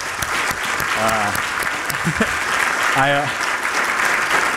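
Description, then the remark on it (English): A crowd applauds in a steady, dense wash of clapping that fills the space, with a couple of brief voices or cheers rising above it, a round of applause for the Land Bank staff. “If we could just get a round of applause.”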